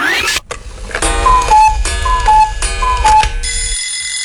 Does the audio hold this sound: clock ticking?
yes